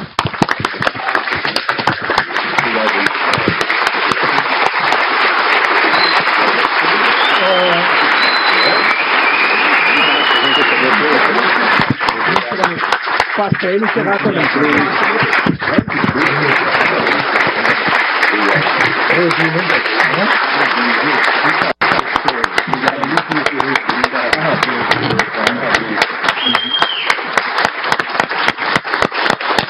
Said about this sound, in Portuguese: O Estado de São Paulo se orgulha de você e esta Assembleia Legislativa o aplaude, de pé, com muita admiração.